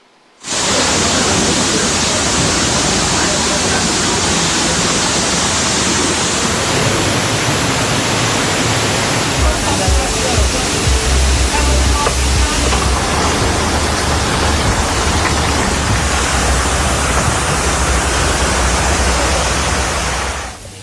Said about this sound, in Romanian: Nu e chiar așa, vedem acum, în doar câteva minute străzile și terasele au început să se umple de apă acolo în Schiatos.